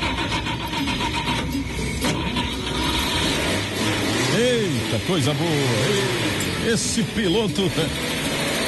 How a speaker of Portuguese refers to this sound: Se tá tudo tranquilo, já sabemos quem vai nessa viagem, nada mais, nada menos do que ligar o motor do Chevette.